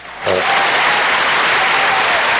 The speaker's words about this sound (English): Have you ladies been hearing the applause? I heard it. Yeah. Uh-oh. Then it must be my earphones, right? It's got to be that. Maybe it wasn't. Maybe they weren't loud enough. But anyhow, maybe if we have louder applauses, okay.